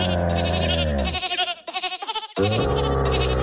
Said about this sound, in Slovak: Máme tu kozu, ktorá napodobňuje syntetizátor.